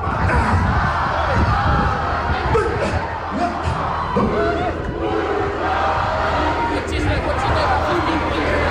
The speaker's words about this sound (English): There was a beautiful, you know, haka when the team bus arrived as well. Is that a cue? Yeah. Is that a cue for me to play the haka? Yeah, okay. Listen to the crowd.